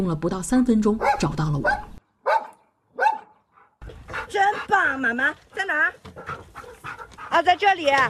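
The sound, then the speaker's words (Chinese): A two-year-old golden retriever search-and-rescue dog pants in quick, heavy breaths while searching rubble in a training exercise, with short bursts that seem to draw closer, heard from down inside a well, while people talk loudly over much of the sound. “穿过崎岖的碎石和杂草，停在一处石板上，抬头空嗅，井下的我听到了它由远及近的呼吸声。”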